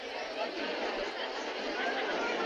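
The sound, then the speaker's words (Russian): A steady, dense murmur of many voices blending into one continuous hum from a stadium whose stands are packed full of fans during a match, with no single speaker standing out. “В воздухе стоит ровный, ни с чем не сравнимый гул человеческих голосов.”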